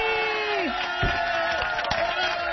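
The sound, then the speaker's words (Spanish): A crowd cheers and whoops continuously, overlapping high shouts and yells over a steady wash of clapping that stays loud and even for a couple of seconds. “¡Aplausos otra vez”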